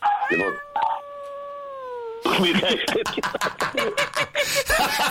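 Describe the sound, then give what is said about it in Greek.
A dog, a male named Atlas, gives a long, steady howl that slides slightly downward for about two seconds, then gives way to a busy stretch of loud, overlapping voices and noise. “Έχεις ακούει το σκυλί από πίσω, ε?”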